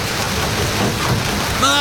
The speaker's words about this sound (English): March, the rains are here. When it finally rains, it pours.